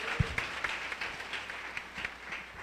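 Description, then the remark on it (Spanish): An audience applauds for the Lord with dense, steady clapping that crackles across the upper range, a few sharper claps standing out at the start, moderately loud throughout. “Bueno, el aplauso es para el Señor, no para ella.”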